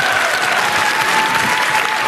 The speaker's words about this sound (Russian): Слушайте, девочки, давайте поздравим мужчин с прошедшим 23 февраля. Аплодисменты мужчинам. Аплодисменты.